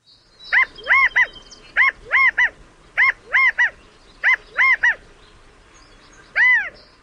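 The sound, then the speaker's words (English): A California quail calls loudly in four repeated three-note phrases, each note a bright, nasal, rising-then-falling whistle, followed by a pause and one longer single note, with no voices. “California quail are stocky, plump-looking birds found throughout their namesake state, as well as in parts of the Pacific Northwest and Northern Rockies, where they've been introduced.”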